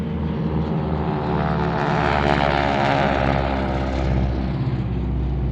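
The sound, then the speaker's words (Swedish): A propeller airplane, the first plane to land at Bromma airport when it opened in 1936, drones loudly and steadily overhead, its engine roar swelling slightly as it passes, with no voices present. “När flygplatsen öppnades för trafik var prins Bertil en av passagerarna som landade i det första flygplanet på Bromma.”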